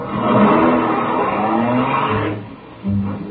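A car engine revs and pulls away in the rain, a steady rising motor drone with a brief tire squeal, fading after about two seconds before a short renewed engine burst.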